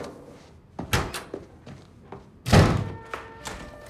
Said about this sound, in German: Guck mal, so schmeißt man eine Tür mit Schmackes, damit's auch knallt.